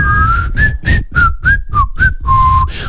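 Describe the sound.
A person whistles a short, wavering tune of several brief notes sliding around the same pitch, fairly loud, with breathy gaps between notes and no talking.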